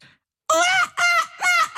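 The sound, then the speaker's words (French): A person mimics a seagull at the end of its life with three loud, harsh, nasal squawks in quick succession, each one strained, with no other sounds around them. “Voilà, en fin de vie, la mouette.”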